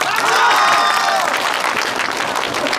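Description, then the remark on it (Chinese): A village crowd breaks into steady, dense applause for the village committee director, who is about to speak. Many hands clap at once in a loud continuous wash, with faint cheering mixed in before it tapers slightly toward the end. “下边请咱们村委会主任给大家讲几句话，鼓掌。”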